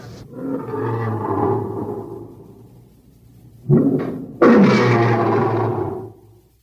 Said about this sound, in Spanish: Son los leones que rugen en el vivarium del anfiteatro. Debieron llegar hoy desde África. Ayer no estaban ahí.